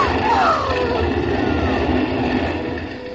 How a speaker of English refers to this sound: Oh, and here comes the fire engine.